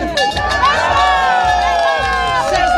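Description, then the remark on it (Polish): A loud, excited crowd of more than 100 winter swimmers shouts and cheers nonstop as they plunge into Lake Ukiel from a beach in Olsztyn to open the winter swimming season, many voices overlapping in high, shrill whoops and screams, with splashing and running feet under the din. “Na plaży nad jeziorem Ukiel w gotowości do zanurzenia stawiło się ponad 100 osób.”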